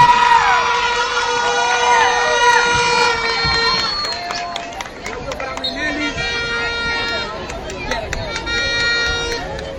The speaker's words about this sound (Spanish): observamos que el cuadro de Palillonas pues comprende la coreografía conforme al ritmo de la banda del Instituto Técnico Roberto Micheletti Bahín. Fuertes sus aplausos para la banda del ITRM.